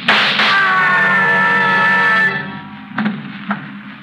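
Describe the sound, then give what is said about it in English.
A loud, sustained high-pitched scream from downstairs lasts about two seconds after a sharp opening crack, then two quick gunshots ring out in the quiet that follows. “I heard a scream. Downstairs. So did I. And shots.”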